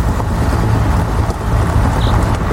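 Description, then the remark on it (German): An excavator's engine rumbles steadily, a dense low drone that stays even as it is shifted into first gear and starts driving, with a faint short mechanical squeak partway through. “Ich mach mal den ersten Gang rein.”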